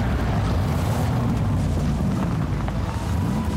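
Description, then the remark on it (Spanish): A powerful car engine roars steadily and loudly on the road throughout, a deep continuous rumble with a low droning growl and no voices, in an advertisement for YPF Infinia TurboClean fuel. “es porque pones toda la potencia para cruzar todos los caminos que necesitas.”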